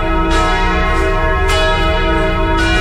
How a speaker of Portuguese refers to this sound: Vamos ouvir os sinos. Os sinos estão anunciando que chegou a hora da graça.